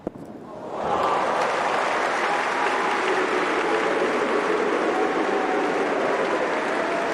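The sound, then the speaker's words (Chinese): After a brief quiet start, loud, steady applause from a large tennis crowd swells in and holds as a dense wash of clapping, with scattered cheers mixed in, greeting a fine winning point by tennis player Wu Yibing. “就每次拿出了一个漂亮的制胜分呢，都能够得到观众们热烈的掌声啊。”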